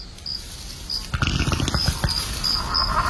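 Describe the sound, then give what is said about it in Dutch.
A low, irregular bubbling gurgle, a fart from one of a small group of dinosaurs, starts about a third of the way in and keeps churning in uneven pulses, while faint high-pitched chirps repeat in the background. “Hoorde ik nou een scheet van een van die dino's? Dat borrelt voortdurend.”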